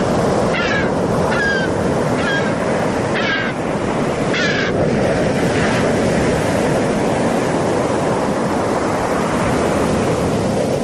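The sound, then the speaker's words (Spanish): Seagulls call several times in short, harsh bursts over a steady, loud roar of surf and wind on a beach in Castellón in the evening, with a sea breeze, the cries clustered early and fading after a few seconds while the waves continue. “Acompañado únicamente por el viento, por las gaviotas y las conversaciones que casi sin darse cuenta bajan de intensidad.”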